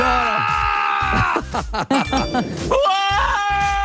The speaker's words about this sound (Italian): Sentiamo gli ascoltatori che urlano.